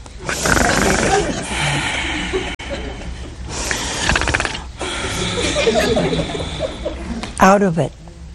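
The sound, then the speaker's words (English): A man's voice imitates Adam snoring while sound asleep in a retelling of the creation of woman: several long, rasping, snorting breaths in a row, ending with a short high-pitched squeak. “So Adam fell sound asleep, and he was snoring.”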